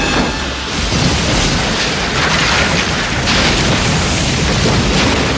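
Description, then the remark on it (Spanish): A loud explosion of a barrel of gunpowder bursts in and keeps roaring as a dense, rumbling wall of noise as it demolishes a building, with deep booming low end and crackling debris throughout, no voices. “La explosión demolió el edificio.”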